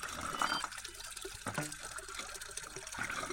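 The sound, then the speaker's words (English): Water pours steadily into a vessel, a continuous splashing and trickling with a bright hiss, filling without pause and with no voices. “The water is coming in for you. The water is flowing in.”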